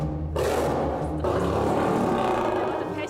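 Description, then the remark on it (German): A lion, Nayu, roars loudly and deeply, a rough rumbling growl that swells once, then surges again stronger about a second later and keeps going without pause. “Dagegen war das bei den Löwinnen ja noch geradezu ruhig.”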